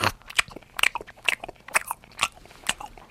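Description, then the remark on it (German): Crisp, irregular crunching and munching bursts, about a dozen over a few seconds, like leaves being chewed, most likely made with the mouth to imitate a koala eating eucalyptus leaves. No talking. “Ah, der sitzt faul in der Ecke und isst irgendwas, ja? Der isst Eukalyptusblätter.”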